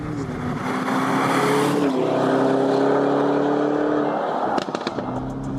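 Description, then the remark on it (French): A Lamborghini Urus engine roars loudly and steadily from inside the cabin, its pitch holding and shifting slightly as it drives on a damp track at the Circuit de l'Ouest Parisien in France, with a few clicks and bumps near the end. “Mais quand même, quand t'es dedans, le son, c'est une Lambo.”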